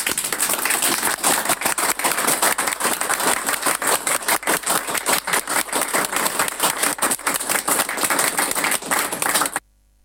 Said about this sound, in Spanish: Discúlpeme, les voy a pedir que le hagamos una despedida de un aplauso a don Jorge Lazo por su brillante carrera.